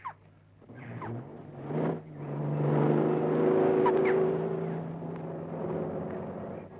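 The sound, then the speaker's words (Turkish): A car engine runs steadily, rising in pitch as it revs and accelerates, then settling into a sustained hum before easing off near the end. No one speaks. “Arabanı kullanabilir miyim? Kullan bakalım.”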